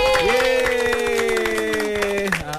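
A group claps together to welcome visiting friends from SK Kompleks KLIA, a steady, dense patter of applause, while cheering voices hold long, sung-out tones over the clapping.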